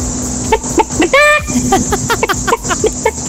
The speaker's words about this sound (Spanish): Continuamos con las gallinas.